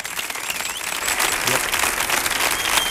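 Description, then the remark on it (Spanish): Dense audience applause at a concert, requested to welcome a band and its guest collaborators onto the stage, fills the whole stretch, a steady hiss of many hands clapping at even loudness, with a few faint whistles or cheers riding on top. “os voy a pedir, por favor, un estruendoso y cariñoso aplauso para”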